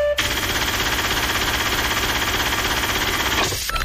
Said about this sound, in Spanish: estás pendiente que en cualquier programa y en cualquier momento suena la alarma de la caja registradora, que es esta.